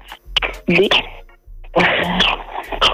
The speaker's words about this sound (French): Attends, c'est quoi tous les bruits que j'entends là? Des bébés. Hein? Des bébés.